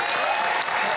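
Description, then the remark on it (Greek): Steady audience applause opening the game The Liar's Box (Το Κουτί του Ψεύτη), a dense wash of many hands clapping at once, loud and continuous for about a second without any voices standing out. “Άρα, ανοίγεις το κουτί σου, καλή αρχή, Το Κουτί του Ψεύτη με ένα χειροκρότημα.”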